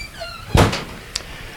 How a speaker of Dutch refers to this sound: Kijk, de deur wordt voor ons geopend door Willem. Daar staat Willem de Ridder die met sigaar in de hand doet hij de deur open. En zo kunnen wij dit legendarische pand betreden.